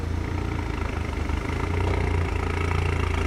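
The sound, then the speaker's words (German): A car engine, checked by tuning police because the car sounds louder than it should, idles loudly with a steady, deep rumble and a faint mechanical clatter, holding an even rhythm throughout with a slight swell in the middle. No voices. “Ein Wagen klingt lauter, als er sollte.”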